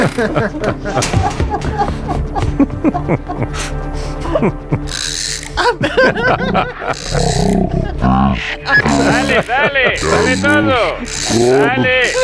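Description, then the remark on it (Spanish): A ratcheting crank is wound up in a rapid, loud series of mechanical clicks for about five seconds, like winding a music box, on the Spanish radio station Onda Cero's morning show, then gives way to warbling, melodic tones with voice-like sweeps. “¡Entra a darle cuerda, anda!”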